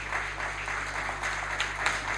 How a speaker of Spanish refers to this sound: Un aplauso para la escuela Thomas Jefferson, ex escuela número 10.